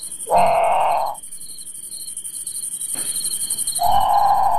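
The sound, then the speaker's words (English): A great potoo gives two loud, harsh bawling calls separated by a few seconds of quiet, over a constant high-pitched drone of insects. “Okay, so that's the Grand Poutou. It's haunting. It sounds a lot like a very scared bird calling for a parent, in the middle of the night.”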